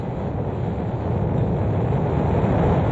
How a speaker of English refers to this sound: Ignition sequence start. Engines on. 5, 4, 3, 2, 1. All engines running. Launch commit. Liftoff. We have liftoff at 9:34 a.m. Eastern Daylight Time.